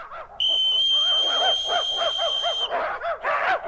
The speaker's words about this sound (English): Yes, when I blow this whistle, they'll come running up to these dishes of hash dog food right next to me.